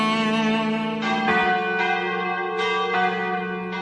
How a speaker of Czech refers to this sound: Naša zvona.